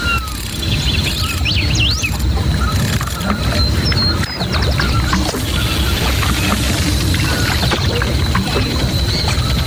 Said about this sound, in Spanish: Acá cerca nuestro. Acá cerca nuestro. Está el río.